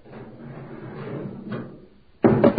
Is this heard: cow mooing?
no